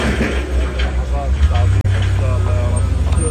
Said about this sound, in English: Across Gaza City, earth movers grind through piles of waste, loading it onto trucks bound for a new landfill in the south. In neighbourhood after neighbourhood, rubble stretches into the distance.